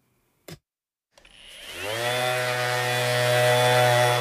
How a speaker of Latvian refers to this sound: Dzirdami pēdējie slīpēšanas darbi pirms gaidāmās izstādes atklāšanas.